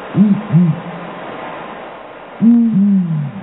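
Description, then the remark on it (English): Deep hoots from a male and female pair of the world's biggest owls duetting: a quick double hoot, a pause, then a longer overlapping pair, the female answering the male immediately, so synchronized it sounds like one bird. Clear against faint background hiss. “It's so synchronized that most people that hear it assume it's one bird.”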